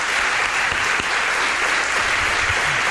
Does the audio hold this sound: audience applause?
yes